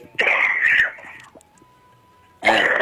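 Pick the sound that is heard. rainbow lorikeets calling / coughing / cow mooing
coughing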